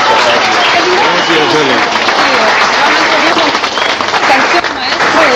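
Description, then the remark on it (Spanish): Loud, sustained audience applause fills the space, a dense wash of many hands clapping steadily with cheering voices mixed in, continuing throughout without a break. “Nuevamente un fuerte aplauso”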